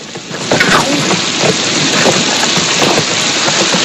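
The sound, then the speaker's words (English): A heavy downpour pours steadily over a trail of rock and mud, a dense, loud hiss of rain with scattered spattering drops, unbroken from start to finish and with no voices. “Walking along a trail of rock and mud in heels, Joan sets her case down and sighs as she watches her newly appointed guide march on ahead through the deluge.”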